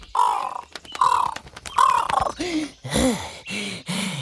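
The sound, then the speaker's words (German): A raven, Abraxas, caws about seven times in quick succession, harsh and raspy, the calls fairly loud, with the later ones dropping into lower, croaking tones. “Als er die kleine Hexe sah, fiel ihm ein Stein von der Rabenseele. Er spreizte die Flügel und flatterte ihr entgegen.”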